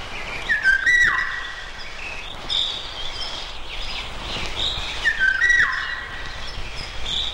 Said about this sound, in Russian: И вот все успокоилось в лесу. Поет Иволга. Повторите вслух это слово. Иволга. Не правда ли? В нем что-то отдаленно напоминает ее песню.